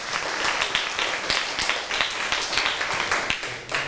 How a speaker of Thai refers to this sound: เอาละครับขอเสียงปรบมือให้เพื่อนด้วยครับ